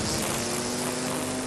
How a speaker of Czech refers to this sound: Sekačky sekají.